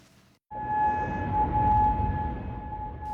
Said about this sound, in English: Sirens blasted in Kuwait during the early hours of Sunday morning.